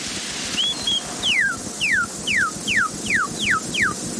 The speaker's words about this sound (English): Kentucky Cardinal or Redbird.